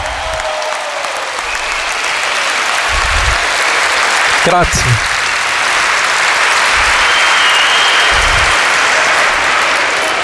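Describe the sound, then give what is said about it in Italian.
A large audience applauds steadily and loudly for about ten seconds, a dense wash of clapping offered for Jesus Christ, with a single voice briefly speaking through it near the middle. “Gli applausi più forti devono essere per Gesù Cristo.”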